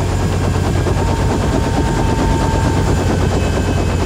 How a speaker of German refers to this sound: Der Hubschrauber landete auf einem Feld direkt neben dem Hauptquartier.